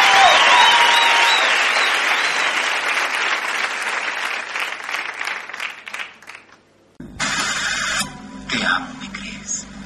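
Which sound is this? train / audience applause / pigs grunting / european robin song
audience applause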